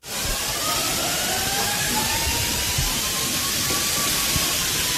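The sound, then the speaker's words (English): Fire sprinklers spray water after alarms go off, a loud, steady rushing hiss that fills the whole clip, with faint wavering tones running underneath and no voices. “Yeah, you can hear, you know, people are scrambling because all the water comes down from the sprinklers when the alarms go off, and they're trying to just get out of buildings.”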